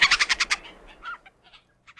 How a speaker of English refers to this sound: What's in a name? That which we call a Canada Jay by any other name is just as sweet.